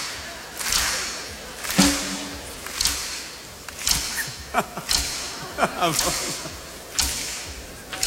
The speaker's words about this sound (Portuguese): Não é palmas, é estalinhos, estalinhos.